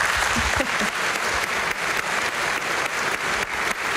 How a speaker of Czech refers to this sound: Ale tento týden za to CDčko dostal zlatou desku, tak mu ještě jednou zatleskejte.